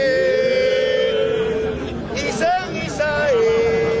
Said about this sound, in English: … chanting to a crowd in Africa that understands the words he's saying because he's saying them in their language. They've been conserved all these years in rituals in Cuba.